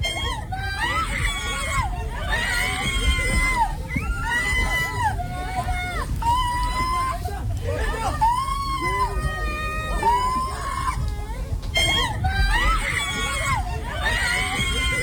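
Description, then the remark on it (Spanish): Several women scream in alarm, their high-pitched, overlapping shrieks rising and falling continuously over a dense, noisy crowd hubbub, loud throughout. “Gritos de damas. ¿Qué es eso? Alarmantes.”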